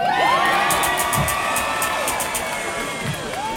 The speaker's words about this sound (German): Macht einen Applaus für die Veranstaltung vom Buzz Festival, bitte. Macht einen Applaus für die beiden Kleinen hier. Macht einen Applaus für meine Mama.